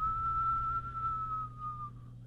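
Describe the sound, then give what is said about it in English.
A single long, steady whistle imitating a howling north wind, holding one pitch and sliding gently lower before fading out, over a low background hum. No one speaks. “Next to the north wind began to whistle.”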